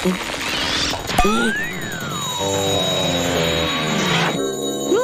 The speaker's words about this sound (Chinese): 哦，喂，听起来像雪橇铃铛。 圣诞老人是你吗？ 我还是可以听见铃声。